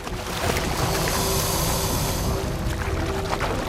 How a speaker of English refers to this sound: Climbing over fallen logs, the jaguar then leaps. He thrashes about in the water. He's become a killer of killers. He has a caiman in his jaws.